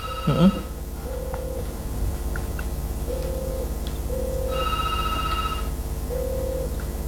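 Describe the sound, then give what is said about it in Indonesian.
A WhatsApp call rings, repeating in short evenly spaced beeps over a steady low hum, with a brief higher chiming tone partway through; no one speaks. “Mungkin bisa menggunakan telepon WhatsApp pagi ini karena di ujung telepon ini ada Ibu Ustazah ya.”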